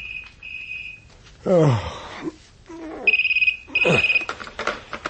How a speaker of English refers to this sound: The 2 a.m. phone call confirmed my misgivings.